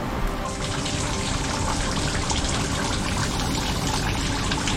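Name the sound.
water running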